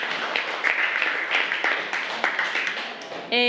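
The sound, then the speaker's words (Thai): A classroom of students claps together for group 5 in a sustained, dense burst of applause with many overlapping hand claps, steady in loudness, before a voice cuts in at the very end. “เก่งมากค่ะกลุ่ม5ปรบมือให้กลุ่ม5ค่ะ”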